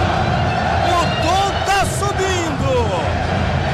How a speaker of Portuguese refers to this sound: E agora, as palmas começaram. Nossa.